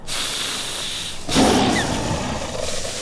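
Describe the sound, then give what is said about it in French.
A saber-toothed cat's deep, breathy roar bursts in after a second of hissing rumble, then trails off into a rough, growling exhale, loud, with no voices present. The huge brown-furred cat, up to 2 meters long and over 280 kilos, hunts from bushes atop a hill in what is now California, over 20,000 years ago. “Et je crois bien que nous allons croiser un immense prédateur, avec des dents démesurées, une carrure imposante, un pelage brun, le tigre à dents de sabre.”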